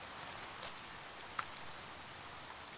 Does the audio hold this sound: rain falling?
yes